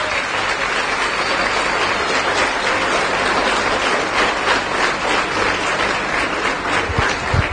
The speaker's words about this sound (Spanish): A ver, denle un fuerte aplauso a la palabra de Dios.